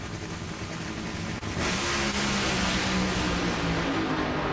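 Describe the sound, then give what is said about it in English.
A nitro funny car final-round drag race run in St. Louis: a deafening, raw engine roar fills the whole stretch, briefly dipping before surging harder with a rising, strained tone. No voices. “The Nitro Funny Car final round in St. Louis.”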